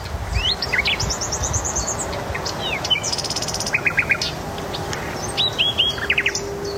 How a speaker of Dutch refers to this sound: Hier, hoor eens even. De nachtegaal in de Noordwijkse duinen.